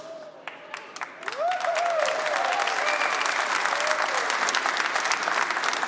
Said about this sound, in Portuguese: Até as suas palmas são ruins.